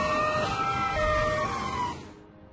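fire truck siren

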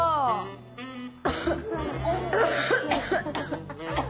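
cough

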